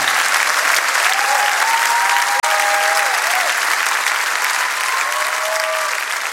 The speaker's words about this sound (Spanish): Dele fuerte ese aplauso a Él. Porque no hay nadie como nuestro Dios. Aleluya.